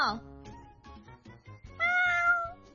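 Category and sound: animal, cat meowing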